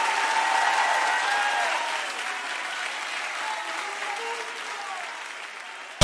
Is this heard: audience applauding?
yes